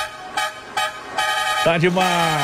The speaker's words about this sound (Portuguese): Chama, produção, chama! Chama na buzina!